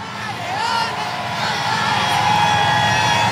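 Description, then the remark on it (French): A dense crowd roars and cheers continuously as the pope's procession approaches, with overlapping shouts and high whoops rising from all around, loud and close, in the middle of the throng. “Ici, vous entendez la fureur. Franchement, on vous le dit, hein, on est au milieu de la foule, ça donne des frissons.”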